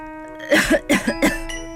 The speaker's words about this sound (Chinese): 护卫队的队员们剧烈地咳嗽起来。